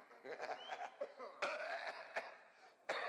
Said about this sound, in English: Maestro? We'll start off with a big cough.